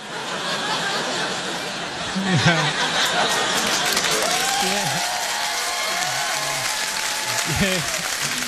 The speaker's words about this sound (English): You took a little long on that clap now. I had some extra lines there, but I can't do them.